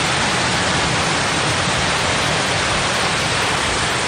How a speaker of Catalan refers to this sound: I això que sona, que sembla un riu, és de fa unes hores, és un carrer d'aquest municipi.